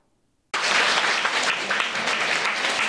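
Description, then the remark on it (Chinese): Sustained applause from Fo Guang Shan devotees at the New York temple, welcoming Buddhist masters entering for a Humanistic Buddhism lecture, bursts in abruptly after half a second of silence and continues steadily and loudly as a dense wash of clapping until the end. “佛光人热情拍手迎接法师进场。”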